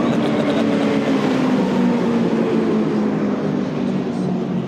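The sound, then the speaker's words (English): A pontoon boat's engine exhaust rumbles steadily and loudly, a deep droning tone with a broad roar on top, holding even for about five seconds with no one talking. “That exhaust on them as well. You can hear that one. They do sound sweet.”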